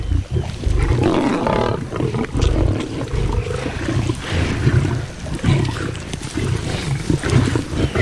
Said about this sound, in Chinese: 其他狮群成员赶来增援，此刻斑马已陷入绝境。狮子虽协作捕猎，但进食时每只狮子都会奋力争夺属于自己的那份。